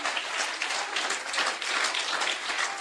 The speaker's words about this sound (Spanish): Den un aplauso a Cristo en esta linda noche. A los escogidos de Dios.